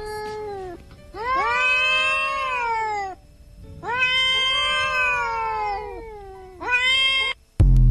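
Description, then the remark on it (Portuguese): Cats caterwauling in a fight: three long, drawn-out yowls that rise and fall in pitch, loud, ending with a sudden harsh burst. “O grupo tá calado, eu vou dar uma briga de gata aqui.”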